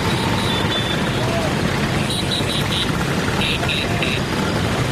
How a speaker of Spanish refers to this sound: Banderas de sus países tocando el claxon, como decimos, y esa postal tan bonita, tan italiana, de las 10.000 Vespas recorriendo las calles frente al Coliseo Romano.